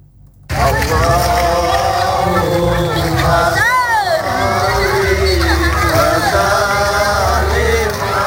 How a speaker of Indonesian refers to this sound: Suara langkah kaki ratusan warga yang berbaris berbondong-bondong diiringi dengan lantunan solawat riuh terdengar di kampung Kota Baru Kecamatan Negeri Agung mengikuti pawai obor peringatan Tahun Baru Islam.